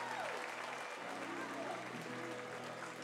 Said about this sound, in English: I can't tell if that's a Bronx cheer or that's genuine excitement from the Tower Buzzer fans watching them turn two. It's a 3-6-3 double play that clears the bases.